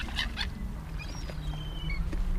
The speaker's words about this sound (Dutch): En dat hoge geluid, dat is een van de jongere vogels die daar een beetje bedelend roept. Die bruinige daarachter, ja. Een jong, waarschijnlijk van die zilvermeeuw. Dat is duidelijk volgens mij hoger dan wat je net hoorde van die kleine mantel.